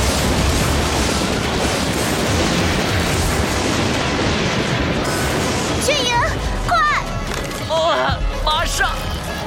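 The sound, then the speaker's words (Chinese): A loud, sustained crack and roar of thunder from a thunderstorm rumbles for several seconds, then keeps grumbling underneath as voices begin speaking over it. “又打雷了， 炫影有雷击危险。”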